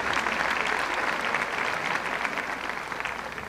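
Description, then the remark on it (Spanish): An audience applauds a band steadily, a dense, continuous patter of many hands clapping at an even loudness, slightly tapering toward the end, with no voices over it. “Por favor, un fuerte aplauso a esta maravillosa orquesta.”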